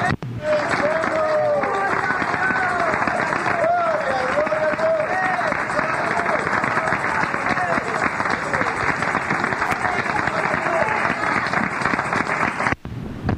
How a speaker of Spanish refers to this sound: ¡Fuerte aplauso al Señor, hermanos! ¡Gloria a Dios, gloria a Dios! ¡Para que se enoje el diablo! ¡Gloria a Dios! ¡Más aplausos! ¡Gloria a Dios!